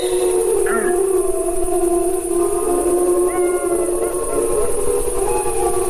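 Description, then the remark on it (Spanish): Several deep, sustained howls of adult wolves overlap in a drawn-out chorus, wavering steadily over a constant background hiss, with no speech present; low-pitched and continuous throughout, the wolves howling to communicate with other members of their pack. “Bueno, yo creo que estos son lobos adultos los que hacen estos aullidos así graves.”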